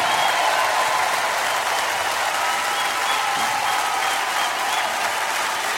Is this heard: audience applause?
yes